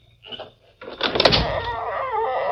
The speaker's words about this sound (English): And open the door.